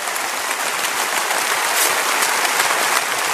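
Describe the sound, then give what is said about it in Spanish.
An audience at Lakewood breaks into dense, sustained applause for a guest group being thanked, many hands clapping at once in a steady wash of sound that fills the room without any voices standing out. “Denles un aplauso último”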